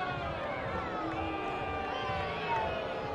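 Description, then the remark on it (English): A large baseball crowd boos after the bat dog dropped Cerda's bat while picking it up, a steady, sustained roar of many voices, drawn-out low groans that blend into one continuous wash of sound for a few seconds. “The boos that you are hearing is because the bat dog came out to pick up the bat of Cerda, and he dropped it.”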